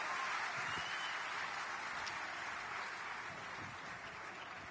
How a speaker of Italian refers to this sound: Che si facciano loro un applauso, fatevelo voi un applauso.